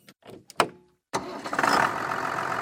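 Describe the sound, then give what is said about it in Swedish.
A tractor engine cranks with a few short bursts, pauses, then catches and settles into a loud, steady rumbling idle, at a tractor quiz-walk event at the community hall in Mo i Ockelbo. No one speaks. “Ja, det blir väl att det kommer med traktorer och vagnar så folk kan komma och åka och svara på frågor efter sträckan då.”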